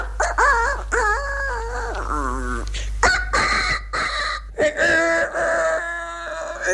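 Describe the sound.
A man's voice imitates a small rooster crowing, several wavering, high-pitched cock-a-doodle calls in quick succession, loud, followed by clucking hen-like sounds.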